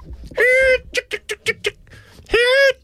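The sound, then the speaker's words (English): A person's voice imitates a chicken call: a long, drawn-out squawk, a quick run of about six short clucks, then another stretched squawk, loud with no other talking. “What's your best chicken call”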